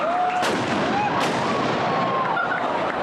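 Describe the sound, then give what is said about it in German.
Two sharp, booming ceremonial salute shots, fired by marksmen at the opening of the Meissen wine festival (Meißner Weinfest) 2026, ring out less than a second apart over a thick, steady crowd murmur, with faint thin tones drifting through the background. “So, und jetzt bitte Schützen, Feuer!”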